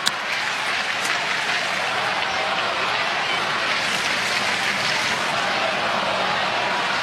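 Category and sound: crowd, baseball stadium crowd cheering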